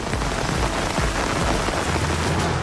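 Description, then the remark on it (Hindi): Heavy rain pours down steadily in several areas of Srinagar, a dense, constant hiss of drops drumming on surfaces, loud throughout with no voices. “श्रीनगर के कई इलाकों में जबरदस्त बारिश, तापमान में दर्ज की गई गिरावट।”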